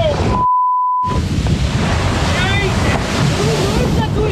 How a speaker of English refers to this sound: An explosion of whale whitewater and understandable expletives.